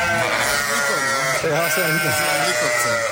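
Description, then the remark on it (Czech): A flock of about 400 hungry sheep bleating loudly and nonstop, many wavering cries overlapping into a dense chorus for the whole stretch. “To je koncert. 400 ovcí impulzovy a teďka, jak slyšíte, mají chuť, mají hlavu, oni dostali, že jo?”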